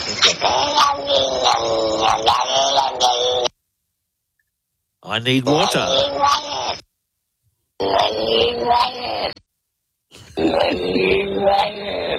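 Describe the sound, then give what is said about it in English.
A cat's meows played backwards: four drawn-out, strongly harmonic yowls separated by brief silences, each swelling and cutting off oddly, almost like garbled speech. “I got to hear the cat backwards again, only because I think it's really cool.”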